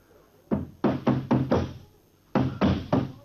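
household object, knocking on a door

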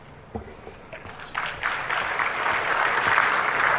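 crowd, audience applause

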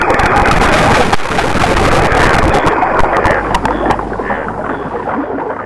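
nature, river water flowing

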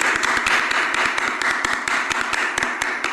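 crowd, applause

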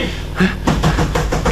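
household object, knocking on a door

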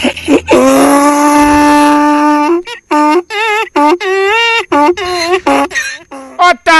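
animal, donkey braying

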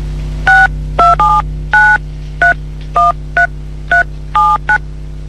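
signal or alarm, telephone being dialed

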